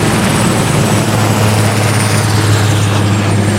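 A helicopter makes a steep left turn and drops 2,000 liters of water onto the ground, roaring steadily overhead, a loud, constant low rotor thrum layered with broad whooshing noise, no talking, and no distinct splash of water stands out.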